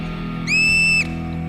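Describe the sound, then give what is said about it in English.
A single piercing alarm whistle from a guarding marmot, warning its colony of a hunting young bald eagle: a steady high-pitched tone held for about half a second, rising sharply out of a low, constant background rumble. “One youngster is oblivious to the danger, despite the repeated alarms.”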